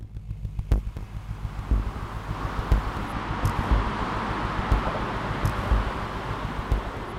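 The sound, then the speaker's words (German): A steady rushing roar of traffic on the Bundesautobahn 5 (A5) motorway in southern Frankfurt, Germany, a few minutes' walk from the Goldsteinsiedlung: a continuous broad wash of noise over a low rumble, with soft thumps recurring roughly once a second. No voices. “Im Frankfurter Süden hört man ein Rauschen, das niemals so richtig verstummt.”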